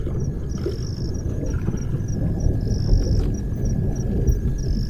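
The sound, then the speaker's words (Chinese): A steady, heavy low rumble rolls on without a break, like thunder from an approaching storm still far off, while faint insect chirps pulse high above it. “随着他的归来，天际已经酝酿着暴风雨的气息。”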